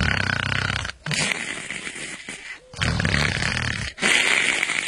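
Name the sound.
voice imitating light snoring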